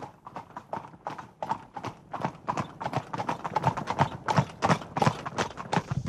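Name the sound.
horse hooves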